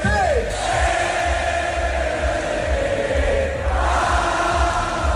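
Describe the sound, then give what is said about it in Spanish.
A dense crowd of Inter football fans roars and cheers in the Piazza del Duomo, celebrating the club's 21st Scudetto with fireworks, a steady loud wash of many voices with whoops and shouts rising over it, plus a brief rising whistle-like cry near the start. “título que han certificado 3 jornadas antes de que acabe la Liga Italiana y que celebraron miles de aficionados ayer en la Plaza del Duomo con fuegos artificiales.”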